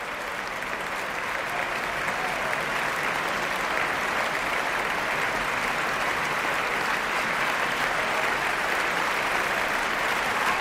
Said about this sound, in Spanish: Grandes aplausos, gran ovación para la Orquesta Nacional de España puesta en pie.